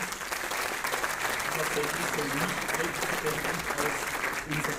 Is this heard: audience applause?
yes